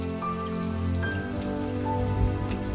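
Steady rain falls and patters on a surface in south-east Ireland, a continuous wash of droplets with faint tonal hums underneath and no voices.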